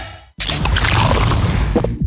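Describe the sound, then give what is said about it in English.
A sharp crack as a new 500ml Castle Light beer can is opened, followed by a loud, steady fizzing hiss of escaping carbonation that runs on for about two seconds, with no talking. “This is the sound of the new 500ml Castle Light can, turning life light side up.”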